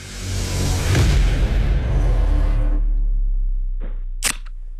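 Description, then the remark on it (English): A soft drink can cracked open: a long, loud carbonated hiss that fades out over a few seconds, followed by two sharp metallic clicks near the end. “Here's can number one.”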